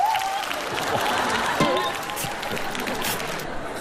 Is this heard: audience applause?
yes